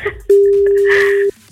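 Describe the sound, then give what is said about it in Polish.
A single steady telephone ringback tone sounds for about a second, loud and clear on the line, as Meloradio radio presenters phone a listener, with faint background noise before and after. “Ma 5 sygnałów, żeby to zrobił.”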